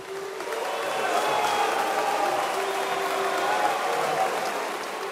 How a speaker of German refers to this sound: Buhrufe gehören wohl zum Schlimmsten, was man als Bühnenmensch erleben kann. Sie kommen aber beileibe nicht nur im Bierzelt vor. Oder bei Fußballspielen, wenn übermotivierte Fans die gegnerische Mannschaft ausbuhen.